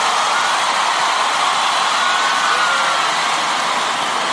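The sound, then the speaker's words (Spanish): A large crowd applauds loudly, the clapping merging into a dense, steady roar of noise that holds at full strength for the whole stretch with no voices. “Sí, aplaudile, aplaudile fuerte, por favor, más fuerte, fuerte, fuerte, fuerte, fuerte, fuerte, fuerte, fuerte.”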